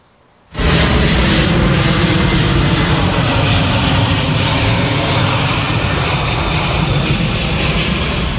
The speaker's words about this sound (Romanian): Un avion de transport C-17 al armatei americane a aterizat în Rusia la începutul după-amiezii.